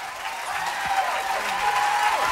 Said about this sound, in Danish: Ja, fortjent bifald.